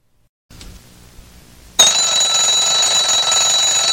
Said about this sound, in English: An alarm clock will cease to waken the person who ignores it repeatedly.